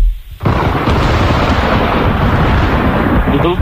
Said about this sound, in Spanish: ¿Tormenta? Sí, señor, una tormenta.